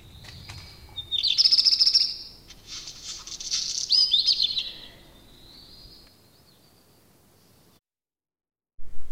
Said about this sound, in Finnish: Viikon luontoääni on mustaleppälintu.